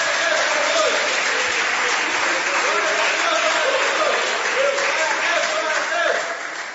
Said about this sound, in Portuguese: Palmas louvam o nome santo do Senhor.